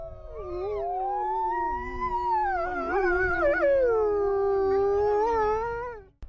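Several wolves howl together in a long, overlapping chorus, their voices rising and bending in pitch for about six seconds before fading, set against a low, steady background rumble.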